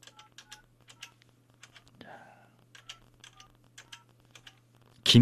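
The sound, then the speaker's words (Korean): A rapid run of short electronic keypad beeps as a phone number is dialed for a call from the Far East Broadcasting radio station, interrupted once by a brief rustle, over a low steady hum, ending in a sudden loud burst. “자, 신호갑니다.”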